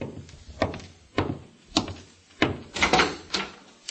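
Several firm, irregularly spaced knocks thud on a door, fairly loud, with a quick cluster near the end. No voices are heard.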